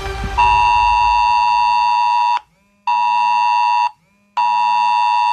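A mobile phone emergency alert, sent at 11 o'clock for Germany's nationwide warning day test, blares: a loud, harsh, buzzing mid-pitched tone that holds for about two seconds, then repeats in shorter bursts separated by brief silences. No one speaks.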